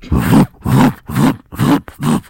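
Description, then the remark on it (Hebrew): A voice imitates a car with booming bass going by in the street in Jaffa, as heard while lying in bed: five low, evenly spaced vocal booms in a steady beat, fairly loud and alone. “ואתה יודע שעבר אוטו, עם באסים.”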